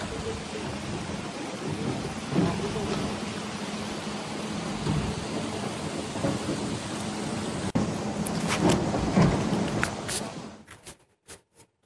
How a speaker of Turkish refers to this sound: Orada da sanki sokaklar bir dereyi andırıyor. Ve ciddi anlamda hem Sakarya'da hem Bursa'da kuvvetli yağış günlük yaşamı olumsuz etkiliyor.